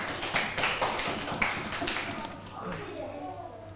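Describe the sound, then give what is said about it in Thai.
A group of students in a class claps together for group 3 at the teacher's request, in a quick, dense patter of applause that fades after about two seconds, followed by soft voices and chatter. “ปรบมือให้กลุ่มที่3หน่อยค่ะ”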